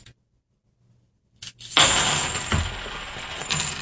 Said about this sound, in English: I'm going to do the clad. Again, the same number of coins, 50 half dollars, what I'm using. Here we go.